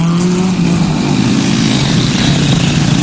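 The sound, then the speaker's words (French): Cars rumble past behind a caller phoning a radio phone-in, a continuous roar of traffic, a low engine drone with a slowly shifting pitch under broad road hiss, steady and loud throughout with no voices. “On entend les voitures qui passent là derrière.”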